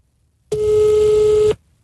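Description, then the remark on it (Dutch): A single steady ringing tone from a phone call, about one second long and loud, the phone held up against the microphone, with no talking. “Zet de telefoon tegen de mic. Dan hoor je hem wat beter.”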